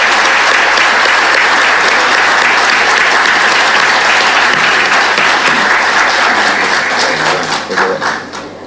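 Sustained applause from a sizable audience at an awards ceremony in Campana, applauding the honorees, loud and dense throughout, with a steady wash of many hands clapping that thins into scattered individual claps near the end.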